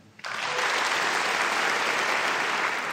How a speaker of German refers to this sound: Und durch diesen Abend wird uns führen unser Dirigent Stefan Maltzeft. Applaus